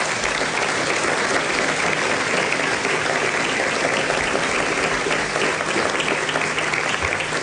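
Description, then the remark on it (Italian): Sustained applause from an audience for the whole ICE organisation staff, a dense, steady wash of clapping that holds at an even loudness for several seconds with no voices breaking through. “Nel frattempo vorrei ringraziare e chiederei un applauso a tutta la struttura dell'ICE, che sono anche collegati dall'estero.”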